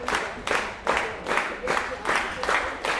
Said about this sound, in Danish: Og bifald fra publikum. Der er fuldt hus her på gulvet i Gjethuset i Frederiksværk og godt fyldt på teatersæderne bagved.